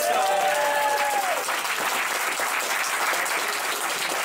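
A crowd breaks into sustained, dense clapping that holds steady for several seconds, with a brief tonal whistle or cheer rising over it at the start before fading into the applause.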